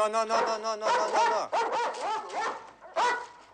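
A dog, Mukhtar, barks and whines repeatedly in a mesh-fenced kennel pen, short yelping barks mixed with rising, pleading whimpers in an irregular, agitated rhythm, with no one talking.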